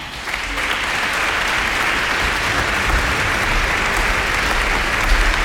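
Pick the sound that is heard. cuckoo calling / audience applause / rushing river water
audience applause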